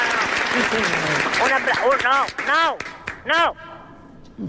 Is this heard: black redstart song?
no